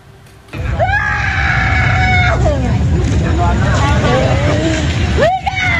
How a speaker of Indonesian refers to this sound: Sejumlah warga menangis histeris meratapi puing-puing rumah mereka yang terbakar Sabtu malam.